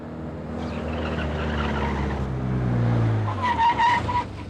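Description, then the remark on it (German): A red car with a tuned engine roars at high revs at over 140, heading out of town, its strained drone rising, then tires squeal in bursts toward the end. No voices. “Der Wagen hat anscheinend einen frisierten Motor. Tempo über 140, Farbe rot, Kennzeichen 2x Heinrich, Heinrich Siegfried 945.”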